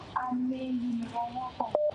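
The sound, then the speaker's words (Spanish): Several phone keypad beeps sound over a telephone line, some held steadily and others pressed in quick short bursts near the end, with a low hum and faint background noise underneath. “Pero deje el teléfono tranquilo.”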